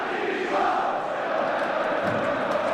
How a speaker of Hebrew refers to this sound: בינתיים, הקהל הביתרי אוהב את ביתר, הוא צועק את זה בקול גדול, ואנחנו צועקים מה עם הגול.